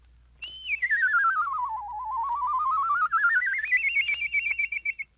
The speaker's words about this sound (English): With this lesson learned, you can whistle songs and even imitate birds. By producing your la-la whistle at different pitches, you can imitate a robin.